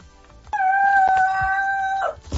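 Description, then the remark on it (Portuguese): A rooster crows once, loud, its call rising quickly then holding a long, steady, piercing note before breaking off, with faint background noise around it. “O galo tá vivo.”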